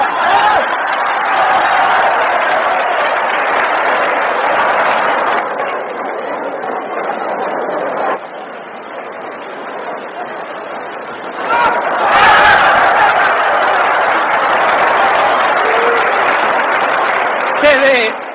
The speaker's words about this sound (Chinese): 好，接下来让我们再以雷鸣般的掌声欢迎挑战者出场。